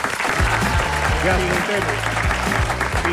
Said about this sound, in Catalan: Un aplaudiment pel nou director.